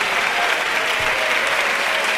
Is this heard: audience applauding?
yes